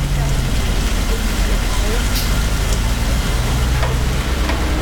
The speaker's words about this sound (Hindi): बारिश में ट्रक चलाने में बहुत मुश्किल होती है, पता तो रहता नहीं है कि कहाँ पर गड्ढा है, टायर अचानक उसके अंदर चला जाता है। अभी बहुत हैवी रेन है और मुझे ट्रेस तो है ही।